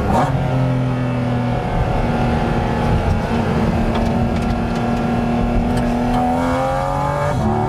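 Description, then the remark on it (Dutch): A mid-engine 718 Cayman GT4 RS sports car revs hard and accelerates on a public road at the Maasvlakte, its loud, rising whine sweeping up through the gears with a deep rumble underneath, continuous with no talking. “Dus, zo'n auto als dit, die 718 Cayman GT4 RS, ja, die komt natuurlijk echt beter tot zijn recht op het circuit.”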